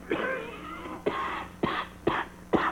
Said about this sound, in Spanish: Y esta tos es de perro, mire. Ah, pa, pues esa tosecita me se hace sospeché, bagañón.